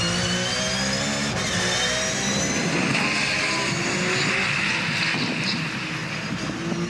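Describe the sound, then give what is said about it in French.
A race car engine roars steadily and loudly as it accelerates through 200 to 220 km/h, its high, buzzing whine layered with harmonics that climb in pitch over the seven seconds. No one speaks. “3, 4, 5, 200, 207, 220 km/h. On commence à avoir les pneus bien chauds.”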